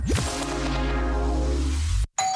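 A doorbell rings loudly as the signal of a Hit Radio money game, its bright chiming tones sustaining and slowly fading for about two seconds before cutting off abruptly, then another ring starts. No one speaks.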